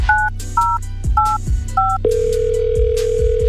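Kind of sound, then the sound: signal or alarm, telephone call ringing through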